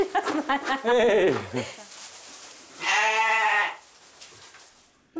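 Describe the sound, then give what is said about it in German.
A young bottle-raised lamb bleats, a wavering, nasal cry lasting under a second, following a burst of brief vocal sounds and a short pause, then quiet. “Die Pfleger mussten das kleine USA-Schaf wochenlang mit der Flasche großziehen.”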